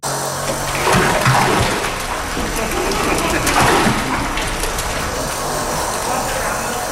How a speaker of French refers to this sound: Ah, rien que d'imaginer ce que c'est, ce bruit de boue qui tombe sur le sol en ciment, là. Ben, c'est pas vraiment de la boue, en fait. C'est ce grand projet de nettoyage en cours à St. Mary's, dans l'est de Terre-Neuve. C'est de la sauce de poisson